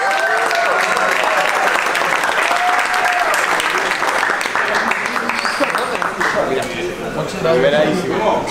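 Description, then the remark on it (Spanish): A large crowd claps loudly and continuously, a dense, sustained round of applause with voices cheering and shouting mixed in throughout. “aplauso enorme para el”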